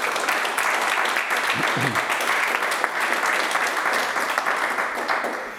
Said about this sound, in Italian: Ah, intanto un applauso.